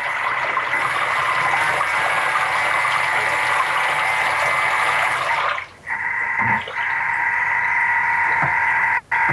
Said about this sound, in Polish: Nie wiem, czy słychać, jak się tam ta woda miesza. Oczywiście, że słychać.